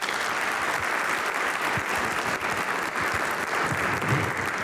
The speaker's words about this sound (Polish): i też poprosimy o wielkie oklaski.